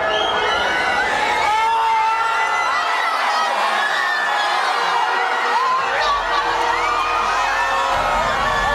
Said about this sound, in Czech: Když přišel první a jediný gól a pak konec zápasu, propukli davy v madridských ulicích v totální euforii.